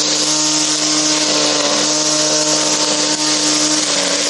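A small engine runs steadily and loudly, a continuous buzzing drone with a strong hum and no pauses: a lawnmower made from the wreckage of a Russian Molniya drone, running.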